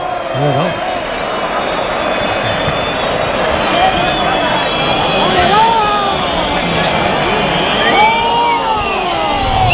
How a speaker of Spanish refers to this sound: Bueno, pues ya la plaza está llena de pañuelos y todavía no se ha tronado el toro. Gritos de torero.